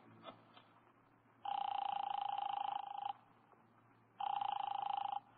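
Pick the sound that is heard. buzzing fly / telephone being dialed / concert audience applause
telephone being dialed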